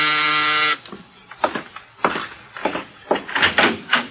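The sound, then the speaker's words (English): The door buzzer of Mike's apartment gives one loud, steady electric buzz lasting under a second, then cuts off as voices begin talking. “Now Mike is in his apartment when the door buzzer sounds.”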